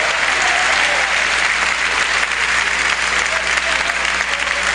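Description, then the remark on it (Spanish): An audience at a Christian worship service applauds loudly and steadily in praise of God, a dense wash of many hands clapping at once that holds at full strength for several seconds without pause. “Dele fuerte el aplauso a este Dios maravilloso.”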